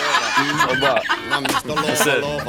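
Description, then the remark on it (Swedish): A person vocally imitates pigeons clucking and cooing, with rapid, bubbly chortling sounds, like pigeons pecking and fussing. “Duvorna är inne och hackar på Spotify.”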